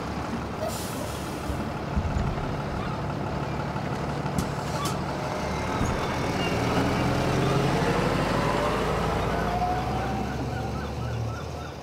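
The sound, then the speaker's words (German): A bus rumbles, its engine droning and slowing, with a couple of sharp hissing air-brake bursts as it comes to a halt. “Der nächste Halt ist Eastport. Sie haben Anschluss an den Bus nach Chester um 14.45 Uhr.”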